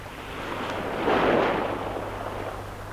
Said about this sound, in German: Was war das? Das ist das Meer. 8 Wellen kommen sanft. Die 9. schlägt den Felsen. Gerade die 9. Und immer wieder.